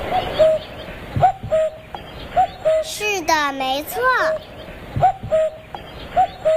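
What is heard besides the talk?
common cuckoo calling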